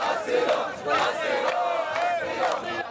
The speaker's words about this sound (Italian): la spiaggia da settimane un accampamento a cielo aperto, l'odore dei corpi ammassati giorno dopo giorno, gli uni vicino agli altri, tra il mare e la montagna e senza servizi igienici, è fortissimo e iniziano a scattare le proteste.